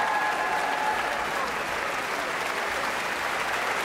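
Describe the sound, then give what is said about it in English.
Sustained applause for composer Jennifer Higdon after the Philadelphia Orchestra, under Yannick Nézet-Séguin, played her Concerto for Orchestra, an even, dense wash of clapping in which the musicians drumming their feet and tapping their stands with their bows blur together, with no voices standing out. “The musicians of the orchestra are drumming their feet and tapping their stands with their bows, showing appreciation for the composer”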